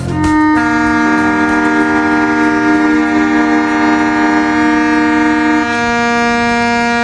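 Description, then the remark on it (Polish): Sirens blare together at 4:45 at a memorial ceremony by the Monument to the Defenders of the Coast, breaking a traditional silence; a loud, sustained, steady chord holding for several seconds, with overlapping horn-like tones and no voices. “No, zgodnie z tradycją, ciszę i zadumę o 4:45 przerwał dźwięk syren.”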